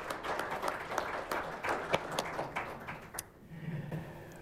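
Audience applause for a guest who has just been introduced, a dense patter of many hands clapping at a steady, moderate level, thinning out toward the end as a low murmur remains.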